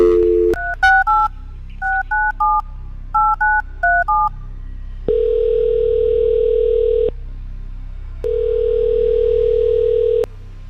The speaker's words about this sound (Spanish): Si te registraste, a lo mejor tu teléfono suena en estos momentos, ¿ok? Así que vamos, vamos a marcarle el teléfono a esta persona